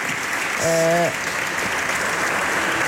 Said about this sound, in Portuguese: Preto no branco, o voto contra do Partido Socialista à proposta do Governo de alteração ao pacote laboral, deputado agora a ser aplaudido de pé pelos colegas de bancada.